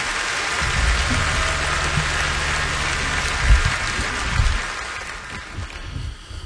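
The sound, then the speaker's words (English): A steady crowd applause honoring Opry member Don Schlitz, many hands clapping at once, a dense, even crackle that holds for several seconds before easing off slightly toward the end, with no voices. “And I give him a round of applause.”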